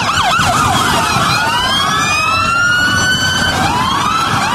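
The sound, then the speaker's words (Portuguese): Several Polícia Militar car sirens blare at once at the Olivar Lavardo gymnasium in the afternoon. Quick yelping sweeps at first give way to long rising and falling wails that overlap loudly above a low rumble of engines. “Ontem, no ginásio do Olivar Lavardo, um fervo de viaturas da Polícia Militar no meio da tarde.”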